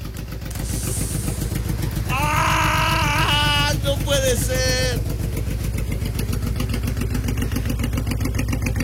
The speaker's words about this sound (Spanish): A ver, me manda audio de la moto. ¿Hoy cómo suena?